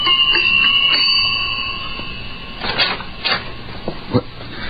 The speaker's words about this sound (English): The next morning, a pneumatic young girl, crisply clad in a beta minus viscose linen suit, stood outside the door of the savage's apartment and somewhat nervously rang the buzzer.